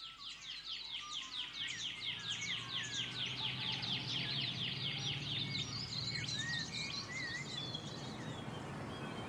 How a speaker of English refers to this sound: I can hear the pardalote, but that sort of pew, pew, pew, pew. Yeah, I think that might be a shining bronze cuckoo. Ah. Because they got lots of different calls.